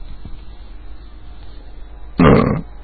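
Distant fireworks: a faint pop early on, then one loud, low, muffled burst lasting about half a second over a steady background hiss, with no one speaking.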